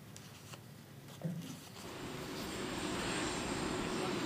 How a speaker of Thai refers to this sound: เครื่องบินแอร์ไชน่าที่สีจิ้นผิงประธานาธิบดีจีนพร้อมคณะโดยสารเพื่อเดินทางมายังสหรัฐเนี่ยร่อนลงจอดที่ฐานทัพอากาศ Joint Base Andrews ตอนประมาณ 17:39 นาทีตามเวลาท้องถิ่นนะคะ